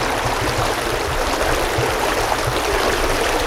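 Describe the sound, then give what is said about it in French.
The small river Teplica flows steadily through a spa park, its continuous rushing and babbling water filling the whole stretch at an even, moderate level with no voices. “On y trouve la source d'eau potable Kolar et la petite rivière Teplica qui traverse le parc.”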